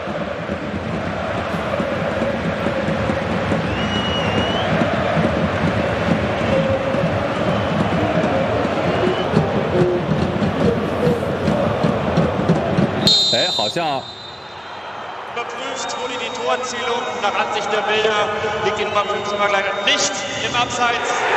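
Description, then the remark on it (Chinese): A big stadium crowd at Borussia Mönchengladbach's home football match roars and cheers loudly and continuously for about thirteen seconds as a late Tabaković goal is ruled valid after a VAR review, near the 90th minute for 1-0. Then the noise abruptly thins into a softer, steady crowd murmur with faint whistling tones. “哦，现场的欢呼声应该是出现了改判，塔巴科维奇已经开始脱衣庆祝了，虽然会以一张黄牌作为代价，这个进球是有效的，并没有越位，等于 VAR 视频助理裁判介入之后呢，改变了现场助理裁判的判断，这个球并没有越位，进球有效。”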